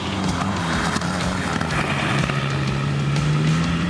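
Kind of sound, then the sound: vehicle, car engine revving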